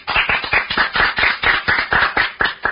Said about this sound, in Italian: Applauso in distorsione e quindi Grazie.